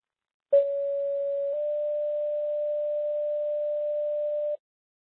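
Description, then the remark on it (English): A Webster County Fire dispatch paging tone for a carbon monoxide alarm call, the second tone. A short steady electronic beep of about a second, then a slightly higher, sustained mid-pitched tone held for about three seconds, loud and clean with no talking. “building with Webster County Fire, carbon monoxide alarm, second tone.”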